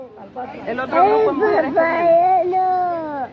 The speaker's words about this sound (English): Children in cages, the audio of the children crying after being separated, all a result of the president's zero tolerance policy.